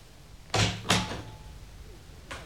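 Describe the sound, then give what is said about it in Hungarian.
An office door opens with two solid knocks of the latch and wood as someone enters, followed by quiet and a faint third thump near the end. No one speaks. “Feje felett a falról Sándor király nézett barátságtalanul az ajtóra és az ajtón belépőkre.”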